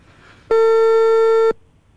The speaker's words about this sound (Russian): У нас есть гудок. Да, отлично. Давай-ка мы попробуем поговорить.